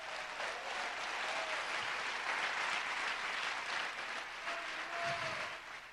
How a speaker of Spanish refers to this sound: ¡Oh, gloria a Dios! Dele fuerte ese aplauso a Cristo, aleluya.